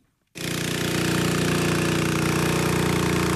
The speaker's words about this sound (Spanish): Desde esta mañana las bombas están moviendo el agua de los camiones cisterna a los embalses. Los camiones descargan el agua que le falta al valle.